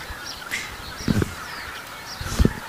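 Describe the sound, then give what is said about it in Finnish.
Greater white-fronted geese with white forehead patches fly past, giving two short, yelping honks about a second apart, moderately loud, over a steady outdoor background with faint chirps of other birds. “Mutta siinä meni hanhia meidän edestä oikein hienosti. Joo. Tundrahanhia.”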